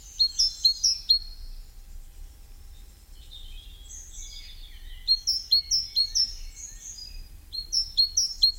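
A great tit sings bright, high two-note phrases repeated rapidly in short bursts, pausing between bouts, over a faint low hum with no one talking.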